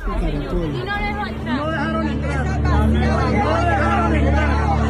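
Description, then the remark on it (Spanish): A dense crowd murmurs at the door of the consulate in Atlanta, where people are waiting to get in to vote, many overlapping voices forming a steady, loud babble with no single speaker standing out, under a low rumbling hum. “Escuche usted lo que está pasando en la puerta del consulado.”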